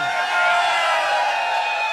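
A crowd of men shouts together in answer to a call for the men who have a bossy wife at home, a loud, sustained roar of overlapping voices, steady for about two seconds with no single voice standing out.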